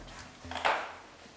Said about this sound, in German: Und wir machen hier gleich die Tür zu.